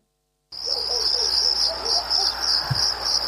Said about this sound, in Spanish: Ustedes no dejan el clima de los grillos